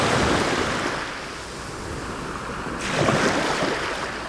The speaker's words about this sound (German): Dieser Geruch und all dieses, was dann dieses Meer halt bringt an Kraft und diese Weite und diesen speziellen Bewegungsrhythmus.